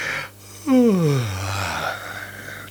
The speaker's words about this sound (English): It will not be suppressed. It's like a tickly cough. I reckon that me just saying it. It will spread just like the flu. I'm still yawning now, and I bet you're yawning too.